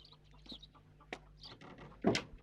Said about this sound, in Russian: Во дворе ходят куры, петух, черный котенок.